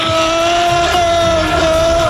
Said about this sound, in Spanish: Ahí escuchamos a los, el grito de los seguidores del Liverpool y efectivamente el Poli Rincón, que se ha hecho con las baquetas del batería de ….